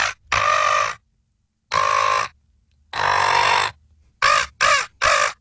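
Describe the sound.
A person imitates a seagull: a series of loud, harsh, squawking cries, several long drawn-out calls with pauses between, then three quick, shorter squawks in a row, clear with no other talk.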